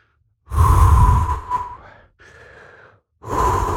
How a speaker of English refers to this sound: The number one thing that people do nowadays to feel relaxed is purposeful deep breathing.